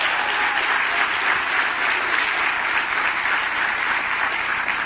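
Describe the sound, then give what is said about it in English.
A large audience claps steadily for several seconds, a dense, even wash of applause filling the room with no pauses and no voices standing out, applauding the outgoing mayor at a gathering of a mayors' organization. “Can we get a round of applause for David Holt, everybody?”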